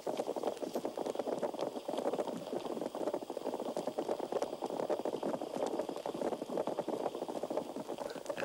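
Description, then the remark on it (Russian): A school of catfish purring underwater: a dense, steady bubbling and crackling chorus, like many kettles boiling at once, continuous throughout, with no voices. “Рыбы-кошки, собравшись в стаю, урчат, будто кипит множество кофейников сразу.”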